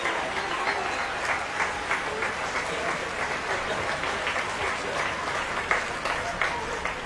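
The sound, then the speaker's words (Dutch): Sustained applause from a concert audience as the strings of the Concertgebouw Orchestra come on, a dense, steady wash of many hands clapping at an even level for several seconds, with no voices standing out. “Nog meer applaus voor de strijkers van het Concertgebouworkest, die komen nu op.”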